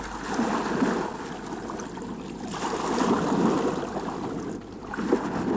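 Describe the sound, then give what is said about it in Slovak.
Steady water rushing and splashing around a small boat gliding along, a continuous wash that swells and eases in gentle surges, with no voices. “Nemal by som si sadnúť do člna vzadu?”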